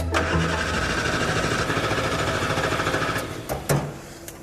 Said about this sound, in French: Fuzz, de son côté, a la tâche délicate de démarrer le moteur.